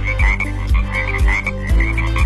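A frog croaks loudly in a steady, repeating rhythm, several deep throaty croaks about half a second apart with no voices.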